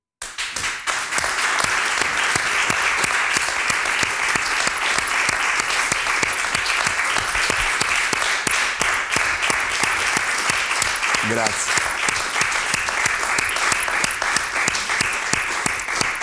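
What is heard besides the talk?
audience applause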